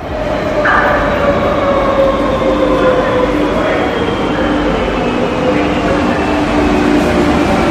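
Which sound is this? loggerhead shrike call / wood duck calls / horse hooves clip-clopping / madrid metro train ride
madrid metro train ride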